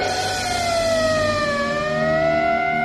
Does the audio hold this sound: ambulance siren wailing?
yes